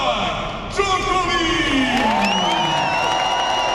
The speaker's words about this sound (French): Dans les tribunes bien garnies du Philippe Châtrier, le public rugit dès l'entrée sur le court d'un seul homme.